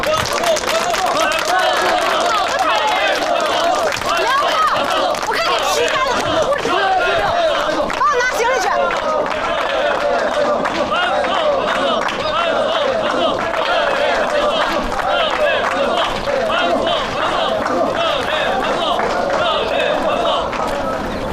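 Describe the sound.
An audience applauds steadily for about twenty seconds, a dense, even wash of clapping mixed with crowd chatter and murmuring voices throughout.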